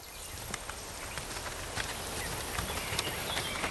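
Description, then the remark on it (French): Two horses' hooves clop along at a slow walking pace, led by the reins by a stable groom along hazel and wild rose bushes under the midday sun. The irregular steps sound against a steady hiss of outdoor background noise. “Descendu de cheval, il allait le long des noisetiers et des églantiers, suivi des deux chevaux que le valet d'écurie tenait par les rênes.”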